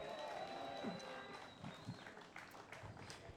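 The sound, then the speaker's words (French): A festival audience applauds the technical team and volunteers in a steady wash of clapping and crowd noise for a few seconds, with a thin high tone ringing through the first part. “On peut les applaudir.”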